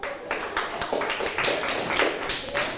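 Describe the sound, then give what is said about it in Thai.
A group of children clapping together in a classroom for classmates in group 3 who gave the correct answer, 441 square centimetres, in a maths lesson on the area of a square; a steady burst of many overlapping hand claps that carries on for a few seconds at moderate loudness. “ได้มาเป็น441ตารางเซนติเมตรเป็นคำตอบที่ถูกต้องปรบมือให้เพื่อนกลุ่มที่3”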